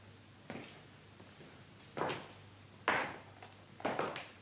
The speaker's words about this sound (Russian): Смотри-ка, вращающаяся дверь.